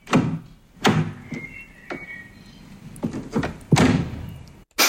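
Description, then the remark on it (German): A car door is opened and shut, giving several solid thunks and clunks with latch clicks between them, fairly loud, with no talking. “Richtig, eine Autotür.”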